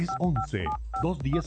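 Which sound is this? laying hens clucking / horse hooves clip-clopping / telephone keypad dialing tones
telephone keypad dialing tones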